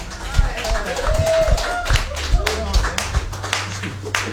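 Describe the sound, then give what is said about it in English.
Audience applause at a live birthday celebration: a steady patter of many hands clapping at moderate volume, with some voices calling out over it and a low hum underneath. “The applause was much louder live.”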